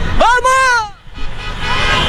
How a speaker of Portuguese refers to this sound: Mas dá pra ver o buzinar, coisa bem boa isso, que coisa boa.